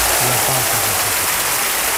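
An audience applauds steadily, a dense, loud wash of clapping that holds for the whole stretch, with a faint low voice humming underneath at the start.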